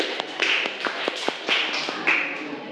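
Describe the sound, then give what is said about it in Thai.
Students in a classroom clap for a few seconds to encourage two groups of classmates, a quick, uneven patter of sharp hand claps with some louder ones standing out, and no talking over it. “ปรบมือให้กับให้กับ2กลุ่มนี้ก่อนเลยเร็วๆให้กำลังใจเพื่อน”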